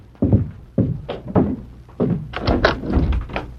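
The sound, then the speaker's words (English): Fairly loud knocking on a wooden door: a few hollow thuds spaced apart, then a quicker, busier run of knocks and bumps toward the end. “The door. I'll see who it is.”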